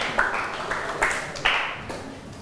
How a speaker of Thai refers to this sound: เก่งมากปรบมือให้เพื่อนหน่อย